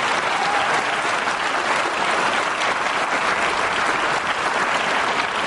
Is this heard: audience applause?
yes